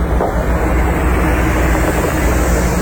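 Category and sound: vehicle, large bus driving past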